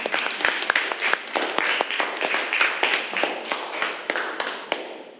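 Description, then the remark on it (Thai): A group of classroom students claps steadily for several seconds to encourage a classmate, a dense patter of overlapping hand claps with sharp individual smacks standing out, fairly loud and without voices. “เดี๋ยวขอปรบมือให้กำลังใจเพื่อนหน่อยนะคะ”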